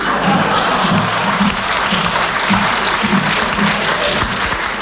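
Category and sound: crowd, audience clapping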